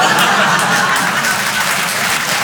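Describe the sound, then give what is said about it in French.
A live audience applauds steadily, a dense wash of many hands clapping at once, loud, with a few chuckles mixed in and no pause for the whole stretch. “Non, n'applaudis pas.”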